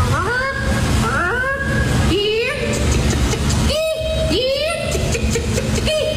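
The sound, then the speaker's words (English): A person imitates a chicken in a chicken calling competition, the third-place entry, with a loud series of rising, squawking vocal swoops and clucks, repeated in uneven bursts over a constant background rumble. “What about this for sounds? The chicken calling competition. Let's start with third place.”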